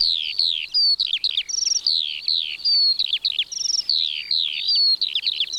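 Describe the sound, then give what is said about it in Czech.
Eurasian skylark song: a continuous, rapid stream of bright trills, whistles and chirps, high-pitched, running without pause through the whole stretch with no voices. “Křivan polní.”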